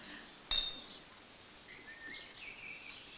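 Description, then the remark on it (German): A single bright clink of glasses in a toast at a 10th wedding anniversary celebration, with a short high ring that fades within a moment, set against a quiet, faint murmuring. “So, und jetzt müssen wir alle anstoßen, wie damals beim Polterabend.”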